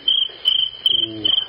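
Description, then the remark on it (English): A cricket chirps steadily in short, shrill trills, about four pulsed bursts repeating in a quick rhythm, clear with no one talking. “I'll fix that cricket.”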